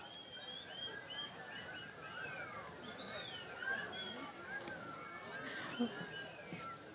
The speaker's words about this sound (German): Und jetzt würde ich Sie gerne mal fragen. Oh Gott, ich ahne nicht. Eine Pfeif-Improvisation bieten? Können Sie pfeifen?